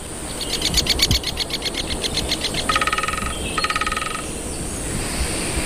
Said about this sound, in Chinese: 在这座火山群岛的松林中生活着一种羽毛鲜艳的鸟类，大斑啄木鸟。大斑啄木鸟非常善于啄凿这些高耸的松树。